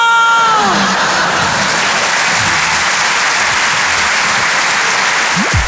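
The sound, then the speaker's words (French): A large audience applauds loudly and steadily throughout, a dense wash of clapping with some cheering mixed in, preceded by a brief falling musical tone at the very start. “Il y a des gens qui ont arrêté d'applaudir dès qu'ils ont vu ma tête.”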